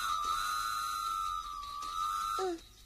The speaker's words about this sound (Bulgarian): Какво става? Защо свири локомотива?